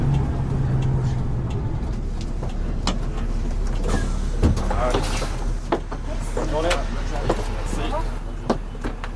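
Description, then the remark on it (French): Inside a moving bus travelling to Sauzon in the north of the island on 22 July 2014: a steady low engine rumble with rattles and clunks, a brief hiss of brakes or doors as it slows to stop midway along the Sauzon ria, and people murmuring in the background. “C'est à mi-distance de la ria de Sauzon que nous descendons du bus.”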